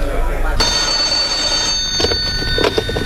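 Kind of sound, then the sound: household object, telephone ringing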